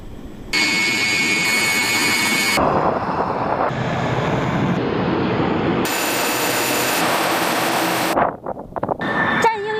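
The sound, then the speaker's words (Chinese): The engines of several J-11B fighter jets roar loudly and steadily with a piercing high whine during a high-intensity tactical confrontation training exercise, the sound shifting abruptly between several bursts before briefly dropping away near the end. “引擎轰鸣，就在刚刚，数架歼十一 B 战机与数百公里外的雷达、地导、电抗分队密切协同，完成了一场高强度的战术对抗训练。”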